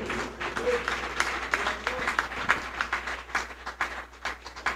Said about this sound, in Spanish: Dale un aplauso al fuerte Rey de Reyes.